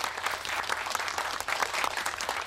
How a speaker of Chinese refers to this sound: 让我们用同样的掌声向沈先生表达我们的感谢和致敬。